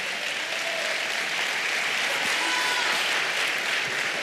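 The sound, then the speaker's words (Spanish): An audience claps steadily in praise of the Lord, a dense wash of many hands applauding at an even loudness for several seconds, with no voices standing out above it. “Aleluya, dele palmas al Señor.”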